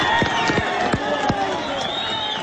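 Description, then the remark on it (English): A dense, agitated crowd murmurs and shouts all at once, with sharp knocks and clatters breaking through the steady din of many voices, at the site of a collapsed four-story building in Pereira, western Colombia, late Wednesday afternoon, as rescuers dig people alive from the rubble and shout "There's life!"; broadcast live on Caracol TV. “dramatic rescues of people pulled alive from the rubble continue, like this scene late Wednesday afternoon at the site of a collapsed four-story building”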